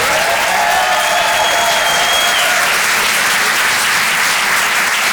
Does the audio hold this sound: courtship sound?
no